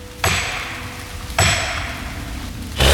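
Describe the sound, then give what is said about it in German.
Three sharp, forceful, targeted strikes land about a second apart on a tree being felled outdoors, each with a bright metallic ring that slowly fades. No one speaks. “Damit nichts passiert, dann gab es ein paar gezielte Schläge.”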